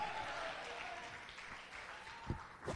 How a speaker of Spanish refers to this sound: Dele ofrenda de palmas al que vive, a su nombre.